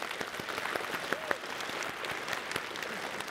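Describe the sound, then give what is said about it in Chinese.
A church audience bursts into sustained applause for its small group leaders and district pastors, a dense wash of many hands clapping steadily with a few sharper claps standing out, and no voices above it. “来给我们的小组长，我们区牧们一起鼓掌鼓励一下。”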